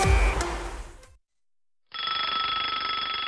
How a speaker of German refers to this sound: Was soll das denn? Wieso klingelt denn jetzt dein Wecker? Na, ist doch kurz nach 19 Uhr.